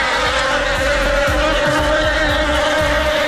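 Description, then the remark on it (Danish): A wasp or bee buzzes loudly and steadily, a continuous droning hum with slight wavering in pitch and no other sounds or voices. “Nej, vipse eller bier, jeg kan ikke helt huske, hvad der er hvad, men det er nok den værste frygt i mit liv overhovedet.”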